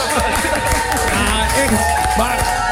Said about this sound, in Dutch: Mag ik een applaus